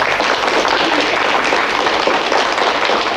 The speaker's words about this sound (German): Applaus für